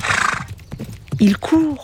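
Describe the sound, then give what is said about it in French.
A horse gallops with a quick flurry of hoofbeats, then lets out two short, loud neighs, the second a rising, quavering whinny. “Un cheval qui court au galop dans le ciel.”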